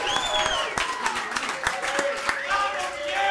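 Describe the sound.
Loud, steady applause from a crowd, dense overlapping claps with voices cheering and shouting over them, holding at a constant level for a few seconds.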